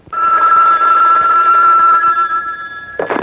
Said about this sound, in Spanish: Si cuando suena el teléfono vuela, mira.